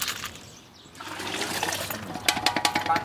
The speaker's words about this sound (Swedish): En bit längre ner på gatan håller en man på och diskar sina grytor.